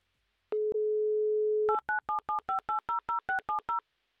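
A steady telephone dial tone hums for about a second, then a quick, even run of about eleven touch-tone keypad beeps as a number is dialed to call a listener in Voronezh, with no voices.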